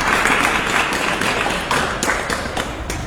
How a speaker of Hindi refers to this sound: हाँ लेकिन lucky winner तो एक ही बनेंगे, और जो लकी विनर बने हैं ना, पहले उनके लिए हम जोरदार तालियां बजा देते हैं, फिर उनका नाम ऑन एयर रीड करते हैं। ये जोरदार तालियां हमारे सभी लिसनर्स के लिए जिन्होंने बहुत अच्छी कोशिश की है।